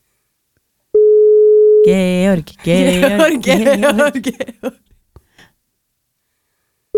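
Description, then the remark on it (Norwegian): A single steady telephone tone of an unanswered call sounds for about a second, flat and clear, then a voice calls out loudly several times before the line goes quiet. “Personen du ringer er ikke tilgjengelig for deg.”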